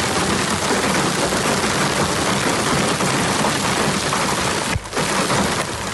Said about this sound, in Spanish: Las tormentas descargaron con intensidad en las sierras de Alcaraz y Segura en la provincia de Albacete. Unas tormentas acompañadas de granizo de gran tamaño en municipios como Nerpi, en donde ese granizo tiñó de blanco gran parte del paisaje.